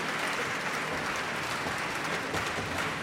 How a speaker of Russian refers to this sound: эти аплодисменты совершенно точно говорят о том, что Полина действительно заслужила приз зрительских симпатий.